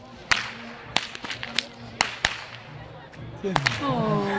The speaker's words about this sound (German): Ja, und falls sich hier einer wundert, wer so gut mit der Peitsche knallen kann, das ist meine Tochter